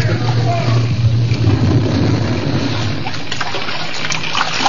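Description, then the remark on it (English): Seawater churns and splashes steadily and fairly loudly, a dense rushing wash over a low, droning rumble, with no clear individual splashes standing out, as people leap from a burning, sinking ship into the sea. “Seconds before the prow raised in the air, they leaped for the dangerous haven of the sea.”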